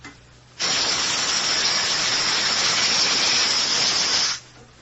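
A loud, steady rush of air venting from a submarine's open ballast tanks as the boat dives roars in abruptly, holding a broad hissing spray for nearly four seconds before cutting off sharply, with no voices.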